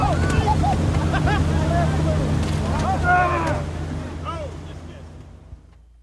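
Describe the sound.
A boat motor drones steadily on the water among other boats, a low continuous hum with wind noise, while voices call out over it before the engine sound gradually fades.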